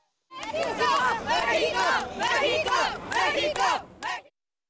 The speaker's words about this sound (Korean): 같은 공간 멕시코 관광객들도 멕시코를 외치며 자국 대표팀을 응원했습니다. 응원하는 팀은 달랐지만 월드컵을 즐기는 열기만큼은 같았습니다.